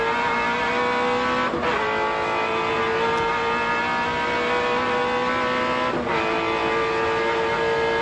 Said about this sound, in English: Take a listen. Exit Mazda corner. It doesn't require too much in the way of commentary. Just listen to that awesome V8.